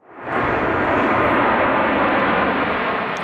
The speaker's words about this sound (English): More planes fly above Moscow in rehearsals for this weekend's big event.